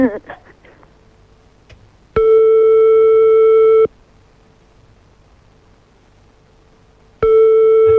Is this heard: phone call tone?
yes